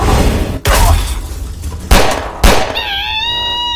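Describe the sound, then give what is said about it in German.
Three sharp gunshots, firing silver bullets, ring out at uneven intervals over a dense, rumbling background, followed by a high, wavering ringing tone as the last shot fades. No one speaks. “Silberkugeln bringen uns hier nicht weiter. Ich hatte gehofft, dass er fliehen würde, wenn wir ihn damit verletzen.”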